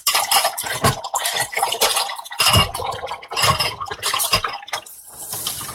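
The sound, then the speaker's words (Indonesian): Dishes being washed under a running tap, with steady water noise broken by frequent clinks and clatters of plates and utensils. No one speaks. “cuci piring”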